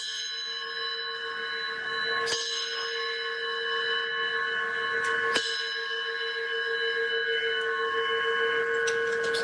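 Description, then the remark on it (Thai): A large metal school bell, taken down from the front of a house, is struck twice. Each hit is a sharp clang that leaves a long, bright ringing hum with layered overtones sustaining between and after the strikes. “ระฆังโรงเรียนขนาดใหญ่เลยนะครับนี่ฝ่ามือหนึ่งนะครับฝ่ามือหนึ่งตีระฆังก่อน”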